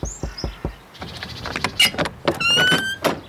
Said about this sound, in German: Es gibt keine Klingel. Wenn ich mir einen Vorschlag erlauben darf, Sir Richie, man könnte auch klopfen.